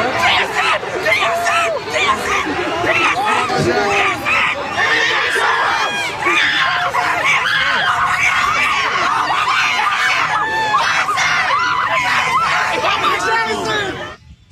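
A young fan screams excitedly as JSN walks over, amid a loud, packed crowd, shrill high-pitched yells rising over constant chatter and cheering that stays intense for the whole stretch.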